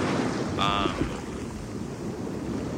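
ocean waves

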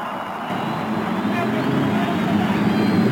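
race car engines starting

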